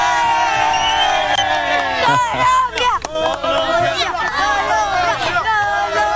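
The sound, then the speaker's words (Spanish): A loud crowd of Colombian football fans following the World Cup cheers and shouts continuously before a large screen in the park of Santa Rosa de Osos, Colombia. Many voices overlap in a dense, rising-and-falling roar of yells and whoops that never lets up for the whole stretch. “A ver, una bullita para irnos a...”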